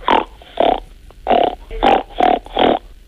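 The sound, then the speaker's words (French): A child imitates a pig's grunt with six short, snorty nasal bursts made with the nose in a steady, quick rhythm, fairly loud, with no talking in between. “Alors, pour le cochon? Il fait ronc.”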